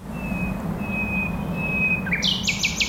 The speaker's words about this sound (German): Eine Berliner Nachtigall.